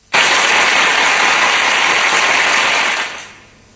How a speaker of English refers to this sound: I would have gone with more applause than that. I would have gone with much more applause than that. It would have been, it was well-deserving. Well-deserving.